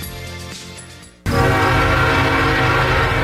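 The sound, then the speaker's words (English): A train rumbles steadily, then a loud steam train horn suddenly blasts and holds for the last couple of seconds over the rolling clatter of the cars, forceful. “Terror is coming to the Essex Steam Train this Halloween.”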